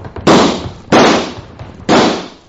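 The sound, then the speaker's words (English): Three loud gunshots fired at a lamp ring out at uneven intervals, each a sharp crack followed by a brief echoing decay, with no voices in between. “Come on, shoot at the lamp.”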